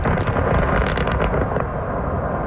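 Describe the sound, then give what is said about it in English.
A blast used to create an open-pit mine right beside villages in Russia goes off in a loud, continuous roar, with a rapid string of sharp cracking bursts over deep rumbling that carries on steadily as it fades slightly. No voices. “videos showing explosions used to create open pit mines right beside Russian villages.”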